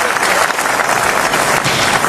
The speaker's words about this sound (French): À ce que vous entendez là, Perico, ce sont les acclamations du palais du Festival de Cannes. Standing ovation, toute la salle, absolument. Pendant la totalité du générique. C'est au moment où Michael Paty apparaît à l'écran